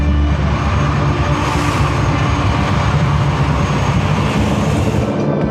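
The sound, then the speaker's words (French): A Canadair water-bomber plane roars low overhead, flying over a fire zone in Seine-et-Marne, France, and refilling with water from the Seine every 6 to 10 minutes; its heavy engine drone is loud and steady for the whole stretch, with a deep rumbling undertone and no voices. “toute la journée, les Canadairs survolent la zone.”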